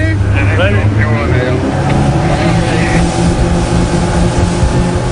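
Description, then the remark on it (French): A steady, loud outboard motorboat engine drones with a low rumbling hum as one of three rescue motorboats launched from the Ocean Viking speeds at full throttle toward a small boat at sea; brief voices come through over the constant roar. “Ni une ni deux, trois canots à moteur sont envoyés à l'eau.”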